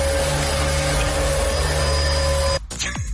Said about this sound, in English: It sounds like a leaf blower, and you look like a trash bag.